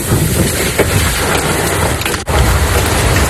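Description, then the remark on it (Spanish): Hail pelts down hard in Macael, in the province of Almería, Spain, during a storm: a dense, continuous clatter of countless small impacts, with a brief dip in the din shortly before the end. No voices. “Sonaba así el granizo en Macael.”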